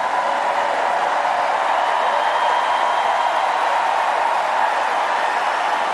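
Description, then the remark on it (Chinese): A crowd of spectators at a match applauds and cheers the players of both sides in one steady, dense wash of clapping that holds at a constant loudness for the whole six seconds, with no clear individual voices standing out. “现场的观众也是为双方运动员的精彩表现而鼓掌喝彩，再度带出这局的局点。”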